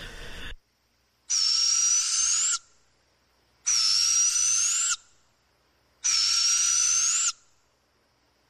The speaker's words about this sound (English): Yeah, I mean, it had to be an owl. I'm not positive. It was long enough ago. But I think we mainly are just hearing barred owls where we are. You would have other species, but barred owls are pretty darn loud.